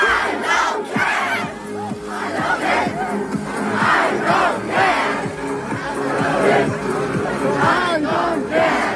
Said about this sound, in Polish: Dyskoteki na rynku są już tradycją i co wieczór tłumy bawią się do głośnej muzyki.